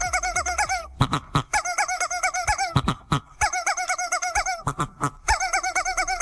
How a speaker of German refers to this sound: Das ist geil, ne? Weil da direkt zwei Hühner zusammen gackern und musizieren.